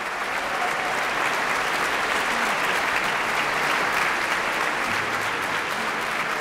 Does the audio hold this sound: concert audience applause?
yes